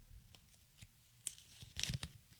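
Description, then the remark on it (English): Quiet rustling and crinkling of folded pieces of paper, with a few soft scattered crackles building to a brief louder flurry of handling near the end, as one slip is blindly grabbed and opened. “They're folded up pieces of paper. I'm going to blindly grab one.”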